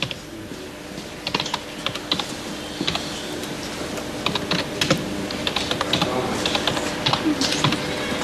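Steady typing on a computer keyboard as a name is entered into a savings-book account form, a rapid series of light clicking keystrokes with irregular rhythm, moderately loud against a faint background hum, with no talking.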